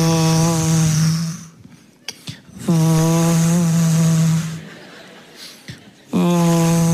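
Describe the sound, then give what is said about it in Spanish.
A wood planer machine runs with a loud, droning whine and a buzzing harmonic tone, rising in three long passes separated by brief quieter gaps, with no voices. “Cepillar madera es una máquina, cepilladora se llama, donde metes madera así.”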